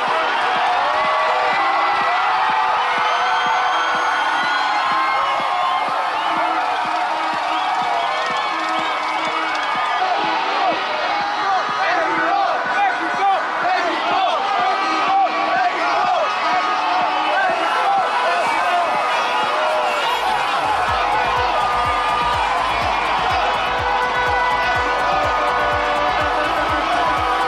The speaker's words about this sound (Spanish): Cada gol, cada acercamiento a la cancha del rival Ecuador, el suelo de Paseo de la Reforma se cimbró y el griterío acompañado de espuma no cesaba y miles de cabezas quedaron blancas por la explosión de espuma